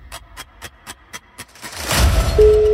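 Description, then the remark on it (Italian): A telephone call placed by a radio show gives its first ring in a fast, even train of short pulses, then gives way to a louder swell of noise and a steady, sustained low tone. No one speaks. “Primo squillo.”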